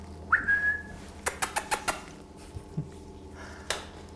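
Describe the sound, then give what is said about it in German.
Kea parrots calling: one clear, whistled note that holds steady and fades, then a quick run of sharp knocking clicks and a last tap, with no voices. “Tägliche Visite der Keas.”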